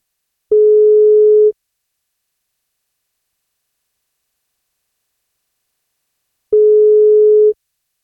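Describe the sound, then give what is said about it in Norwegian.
A telephone ringback tone on an outgoing call to a man turning 61 on his birthday: two one-second steady beeps several seconds apart, clear and alone with silence between them and no voices. “som fyller 61 I dag, som trekt til å få dagens bursdagskake, og kake skal han få om han tar telefon.”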